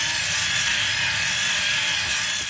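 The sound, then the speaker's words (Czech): A small robot built from Lego, switched on briefly in a studio, runs its motor with a steady, loud whirring buzz that holds constant throughout, with no voices and no pauses. “ale my ten robota krotko raz zašaltujeme”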